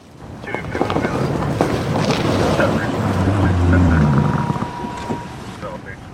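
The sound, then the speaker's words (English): A police squad car rolls slowly along a city bike path in the center of town during an annual homeless count, its low engine hum swelling to a peak and then easing off, with steady wind rumble buffeting the microphone throughout. “A squad car rolls down the city's bike path in the center of town during annual homeless count.”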